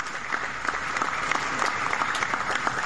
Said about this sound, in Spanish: Un aplauso para los puertos que se han puesto la camiseta por Buenaventura.